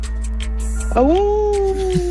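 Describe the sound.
A woman's voice imitates her dogs with a single drawn-out whine that rises sharply, then slowly slides downward, held for about a second.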